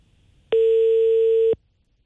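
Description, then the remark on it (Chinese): A single steady telephone ringback tone sounds once for about a second, clear and fairly loud, from a call to a parked car's registered owner that is not yet answered, with nothing else around it but faint line hiss before and after. “哎呀，可别又是接通接不通的状态， 暂时还没人接。”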